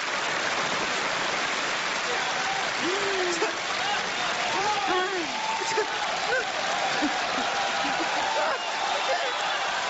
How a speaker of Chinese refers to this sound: 这都做了4个小时了，人家说累了吗？就这样仍然坚持鼓掌。